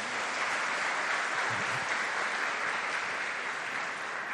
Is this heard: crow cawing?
no